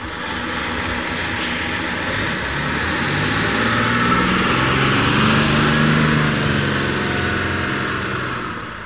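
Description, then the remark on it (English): A bus pulls up at a bus stop, its heavy engine rumbling steadily while the low drone dips and shifts in pitch as it slows to a stop, over a constant road hiss. “As the boys passed the bus stop, an elderly woman got off the bus carrying 2 heavily laden grocery bags.”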